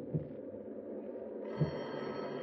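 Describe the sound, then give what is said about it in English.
A telephone bell starts jangling about halfway through, a steady metallic ring echoing through the high rooms of a dark house, over a low rumbling storm background. Two dull thumps of an oak limb on the roof sound, one near the start and one just as the ringing begins. “You start at the jangle of the phone that echoes through the high rooms.”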